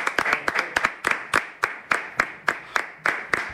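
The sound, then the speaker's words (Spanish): Two newsroom interns clapping briskly and steadily as the host comes on, the sharp handclaps fairly loud, slightly out of sync with each other, with no talking over them. “Y hoy me he traído dos becarios de la redacción que están aquí solo para aplaudir cuando yo salga.”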